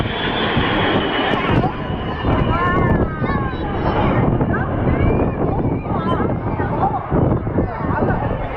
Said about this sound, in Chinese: 刚才人群中一阵欢呼，我们现在可以看到红鹰飞行表演队的表演机拿出了三色的彩烟。